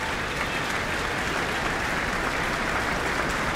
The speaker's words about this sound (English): The orchestra on their feet again to receive their applause.